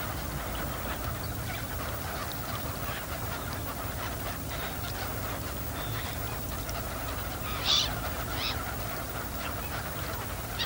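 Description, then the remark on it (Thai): A large flock of migratory garganey ducks, come from Siberia, calls continuously on the water, a dense overlapping chatter of quacks and honks, with one sharper, louder call standing out briefly toward the end. No one speaks. “เป็ดปากสั้นเป็นเป็ดในกลุ่มที่ว่ายหากินอยู่บนผิวน้ำใช้ปากไซหาสัตว์และพืชน้ำเล็กๆกินเป็นอาหารเป็ดปากสั้นกลุ่มนี้หนีความหนาวเย็นมาไกลจากไซบีเรีย”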